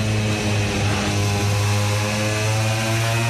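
Racing motorcycle engines, a Ducati and an Aprilia, scream at high revs as riders open the throttle hard, in a loud, continuous buzzing drone with strong, steady harmonics and no voices, the pitch holding fairly level throughout.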